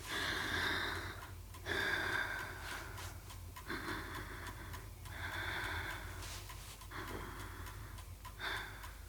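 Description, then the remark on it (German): A child breathes deeply and steadily in and out while a pediatrician listens to her chest and back with a stethoscope, about five or six audible breaths in a slow, even rhythm and no talking. “Jetzt bitte nichts mehr sagen. Nur atmen.”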